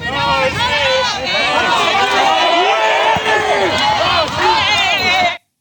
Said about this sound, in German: Wir haben hier gesehen, wie schnell das eskaliert ist, wie plötzlich aggressive Rufe aus dieser Masse zu hören waren.